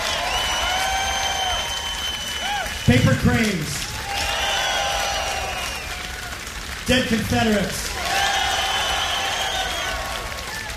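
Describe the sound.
A concert crowd claps and cheers steadily for a band throughout, with scattered whistles and shouts riding over dense applause, while a man's voice briefly announces something twice over the noise.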